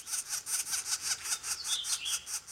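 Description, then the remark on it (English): A juvenile northern flicker, at the age of leaving the nest, calls: a rapid, steady series of raspy, buzzy notes repeated about five times a second, fairly loud, with a few thin squealing whistles mixed in near the end. “At this time of year, juvenile northern flickers are leaving their nests.”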